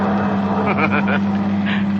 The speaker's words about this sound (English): You sit behind the wheel, tense. Waiting. And then as you leave the downtown traffic behind you...